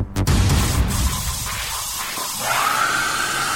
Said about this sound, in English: Not a woman screaming, it's a hairdryer. It's exceptional.